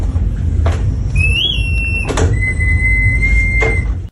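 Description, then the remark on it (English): A wind-up mechanical singing bird called Molly the Bird, from a store, gives thin, high whistled notes, one briefly warbling, then a long steady tone. Sharp clicks punctuate it over a constant low mechanical whirring. No one speaks. “what does a $26 million wind-up mechanical singing bird sound like?”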